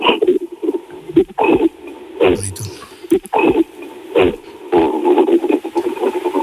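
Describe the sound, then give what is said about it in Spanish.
A person imitates a gorilla's cough, which gorillas make when angry, with a series of short, gruff, throaty bursts in an uneven rhythm, each a harsh, clipped huff with a low, rough edge. “O sea, los gorilas hacen una tos, te hacen un...”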